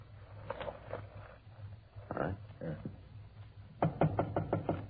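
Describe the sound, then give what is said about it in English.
Police officers knock sharply on the door of apartment 408: a few spaced raps, a pause with some muffled movement, then a louder, quicker run of about half a dozen knocks over a low steady hum. “I get the door.”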